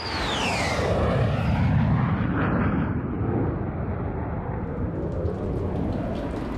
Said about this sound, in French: Allez, on reprend l'avion, on quitte Berlin, direction l'Angleterre.